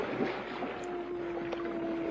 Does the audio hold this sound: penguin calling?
yes